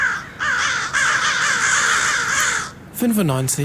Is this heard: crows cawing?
yes